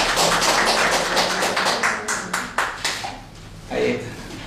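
Applause from a crowd: dense, steady clapping that gradually thins into scattered claps and fades, with a voice briefly speaking near the end.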